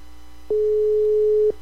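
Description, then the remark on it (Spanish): A single steady electronic ringing tone of an outgoing phone call that goes unanswered, lasting about a second, clear and fairly loud over a faint low hum, with no voices. “Acuérdense, 3 tonos. Si no contestan, paso al siguiente.”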